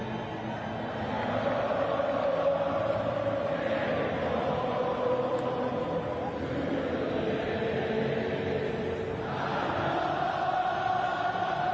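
A huge stadium crowd sings a song together in loose unison, a dense, echoing wall of voices that swells steadily and carries on without pause from start to finish.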